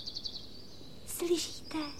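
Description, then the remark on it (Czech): A small bird sings in quick, high-pitched chirps and a thin sustained whistle, followed by a couple of brighter, noisier bursts near the end. Moderately loud. “Slyšíte toho ptáčka, jak krásně zpívá, vidíte?”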